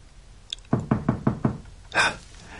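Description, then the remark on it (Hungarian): Five quick, heavy knocks pound on a door in a steady rhythm, loud, followed a moment later by a short breathy rush of air. “A toronyparókás imposztorok már ajtómat döngetik.”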